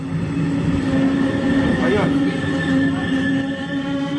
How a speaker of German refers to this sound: Der RE4 fährt ein. Lautsprecherdurchsagen hört man nicht am Bahnhof Rathenow, die sind defekt.